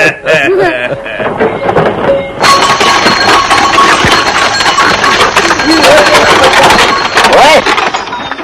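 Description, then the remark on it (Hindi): A bullock cart carrying a grandfather and children to the railway station rolls along with a steady wooden rattle and creak that swells after a brief start, while voices call out intermittently over the continuous, fairly loud clatter. “अरे हाँ हाँ दादाजी, आओ आओ बच्चों, आ जाओ बैलगाड़ी में।”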